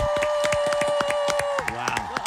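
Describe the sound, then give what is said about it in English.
A crowd cheers with rapid, steady clapping, loud, as the winner of the Best Trivia Host award for the state of Arkansas is announced, while a sustained whistle-like tone holds then slides downward near the end. “Listen to that crowd. That is awesome.”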